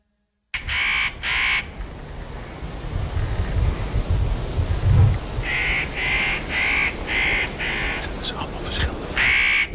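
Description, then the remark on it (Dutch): Harsh, rasping calls of a spotted nutcracker: a quick pair at first, then a steady run of about six more, loud over a low rumbling background. “Dit is de notenkraker.”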